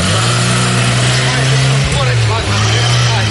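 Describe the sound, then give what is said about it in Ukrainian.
A quad bike engine runs steadily, a loud continuous low drone with a rough mechanical rattle, briefly dipping in pitch midway before settling back to the same idle, as quad bikes carry parcels to the pilots' positions. “Врешті всі посилки розкладені по машинах, їх везуть на квадроциклах до позицій пілотів.”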